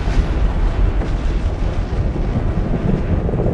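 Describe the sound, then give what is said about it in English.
An atomic bomb explosion's deep, sustained roar fills the whole stretch, a loud rolling rumble heavy in the low end that never fades, with no voices. “The bomb was finally released exactly at the designated hour, and the explosion occurred as planned.”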